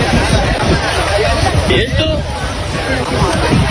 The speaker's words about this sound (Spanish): Bañistas que están en la playa graban como un montón de personas se lanzan al agua desde una embarcación abarrotada y echan a correr por la playa. Ahora sabemos que eran 62 migrantes, 15 de ellos menores de edad.